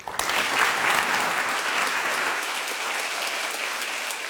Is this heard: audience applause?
yes